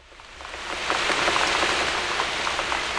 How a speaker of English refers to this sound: Blush, swish, mush, numb. This is the sound I make as I jump through the puddles and down the street, as my rubber boots keep the rain from my feet.